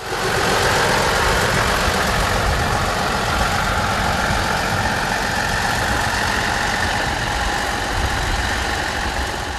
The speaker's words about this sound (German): Bevor es losging, wurde schließlich noch die Lok in Position gebracht.